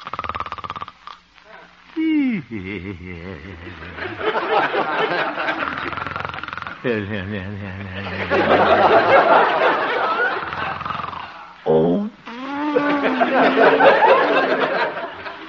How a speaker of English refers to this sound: Looking into the little house on 8th Avenue, we find the town's most popular radio figure, Honest Harold the Homemaker, gently snoring and evidently having a very pleasant dream.